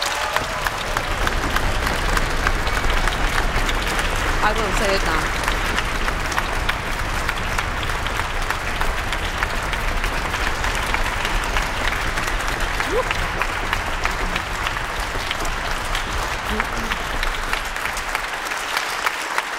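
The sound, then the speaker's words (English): Sustained, loud applause from a large audience congratulating the winners of a music competition, a dense steady clatter of many hands clapping for about twenty seconds, with a brief spoken phrase barely audible beneath it. “A round of applause.”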